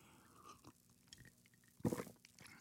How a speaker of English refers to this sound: Maybe a sip of Rivermoon coffee will help.